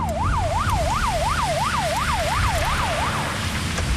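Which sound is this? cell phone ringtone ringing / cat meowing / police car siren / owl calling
police car siren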